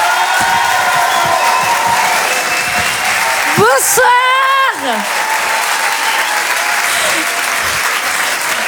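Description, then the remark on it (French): Dense, steady applause with some cheering from an audience welcoming a performer at a live show for Rire et Chanson radio; midway a single voice briefly speaks a short greeting over the clapping. “Je vous demande de l'encourager et de l'applaudir très très fort.”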